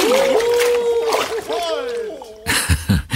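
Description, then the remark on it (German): Men dressed as Santa Clauses call out, gasp and splutter while swimming in ice water, then loud splashing bursts in as they thrash through the water, a few sharp slaps and sloshes in quick succession. “Keuchend und prustend schwimmen die Weihnachtsmänner im Eiswasser.”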